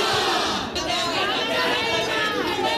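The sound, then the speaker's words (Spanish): A dense protest crowd in the Puerta del Sol square shouts and chants at once, opposing groups yelling at each other while police keep them apart, a loud, continuous roar of overlapping voices with rising and falling calls and no single clear speaker. “Gritos de unos y de otros.”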